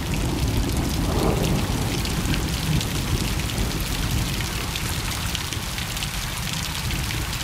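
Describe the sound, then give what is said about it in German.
Steady rain patters and drips against a window, heard from indoors, a dense, continuous hiss of drops with a faint low rumble underneath, like thunder. No voices. “Für mich klingt es nach Frieden, wenn es regnet und ich drinnen bin und der Regen tropft gegen das Fenster.”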